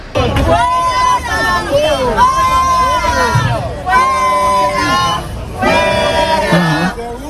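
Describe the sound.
A loud crowd of protesters in the Plaza del Sol, Madrid, shouting and jeering at a man of about 70 who was filming with a phone in a Carlist-flag case, pushing him out of the square: a dense roar of overlapping voices rising in repeated surges, with raised individual shouts breaking through.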